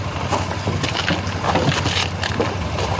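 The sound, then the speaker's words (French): A motorcycle engine idles and rumbles steadily as a local resident arrives on it holding a blue plastic can, its low drone holding even throughout, with outdoor wind noise and scattered clatter around it. No one speaks. “À peine sa présentation terminée, un habitant arrive en moto, un bidon en plastique bleu à la main.”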